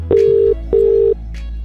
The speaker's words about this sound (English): We are dialing a number.